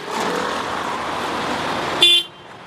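Steady rumble of traffic as queues of cars loaded with suitcases, with mattresses and furniture on their roofs, fill the highway to southern Lebanon, engines droning continuously, then a short, loud car horn blast near the end before the noise drops away.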